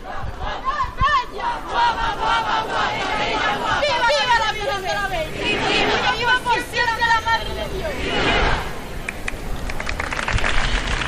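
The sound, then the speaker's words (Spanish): A crowd shouts repeated vivas to the Virgen de la Bella in loud, overlapping bursts during the flower offering at a religious festival, with chanted cheers rising and falling over a steady murmur of many voices. “Escuchen los vivas que le están diciendo a la Virgen de la Bella.”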